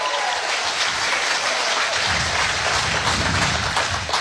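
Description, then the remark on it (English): A game show crowd bursts into loud, sustained applause and cheering for a contestant before the $1,000 Minute of Mayhem round, a dense wash of clapping that holds steady and swells slightly fuller halfway through, with no one speaking. “Let's have the advanced cheer for Renee.”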